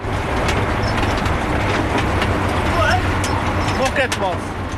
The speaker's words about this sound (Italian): Un campo in mezzo alla campagna bernese e un trattore che traina lentamente una raccoglitrice di patate.